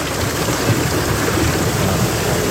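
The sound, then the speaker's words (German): A dense, steady roar of heavy hail with large hailstones pounding down with stormy wind during a night-time severe storm over Thuringia, Germany, loud, a constant wash of noise with no pauses and no voices. “Es hat ordentlich runtergehauen. Richtig fette Hagelkörner, teilweise Sturm mit dabei.”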